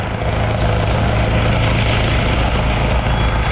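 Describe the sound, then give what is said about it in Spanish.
A National Police helicopter drones loudly and steadily overhead at night over the north of the capital, its rotor producing a continuous low throbbing hum with broad engine roar, unbroken for the whole stretch, with no voices. “La Policía Nacional sigue desplegando un amplio dispositivo cada noche en la zona norte de la capital”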